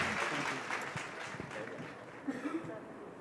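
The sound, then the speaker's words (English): An audience at an awards event applauds the team of Chor Bazaar Delhi, winner of Best North Indian restaurant of the year, with steady, dense clapping that keeps a fairly even loudness for about three seconds, while a few voices and brief cheers rise through the noise near the end. “Huge round of applause for the team of Chor Bazaar.”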